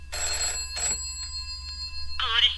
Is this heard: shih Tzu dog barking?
no